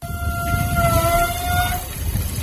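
A beach foot-rinse tap on Águilas beach in Murcia, Spain, being turned on to rinse feet, gives off a high, steady squealing whistle lasting over a second, riding over a constant broad rushing hiss, then the whistle cuts out while the rush continues.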